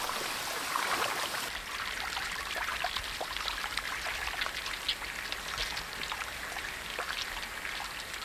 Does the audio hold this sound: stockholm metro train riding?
no